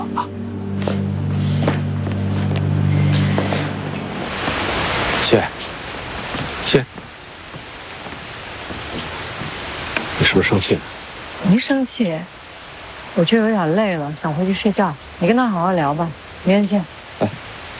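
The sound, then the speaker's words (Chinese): Steady rain hisses down after a few seconds, a dense wash of noise with occasional sharp taps, and people talk over it toward the end. “哎，下雨了，我送送你吧。”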